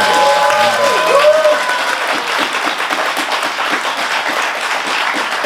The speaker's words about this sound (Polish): Radzę Państwu zachować entuzjazm i oklaski do końca, bo audycja będzie długa i my chcemy być podziwiani przez cały czas, nie tylko na początku.